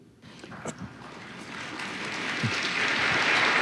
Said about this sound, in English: you were clapping before I said anything.